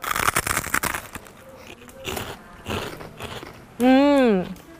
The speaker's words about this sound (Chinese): 好好吃啊。 哇，好好吃啊。听到我咀嚼的声音了吗？特别特别的脆，我再咬一下哈。